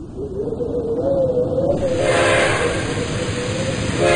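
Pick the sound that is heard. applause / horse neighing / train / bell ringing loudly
train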